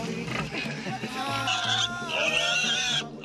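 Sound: piglet oinking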